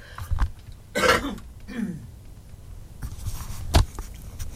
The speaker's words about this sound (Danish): Nu skal jeg lige hoste.